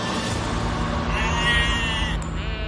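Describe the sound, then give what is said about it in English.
Sheep bleating loudly, a sustained, wavering cry that shifts pitch midway and runs on for a few seconds with no pause, no talking alongside. “Because in Tudor times, there were sheep everywhere.”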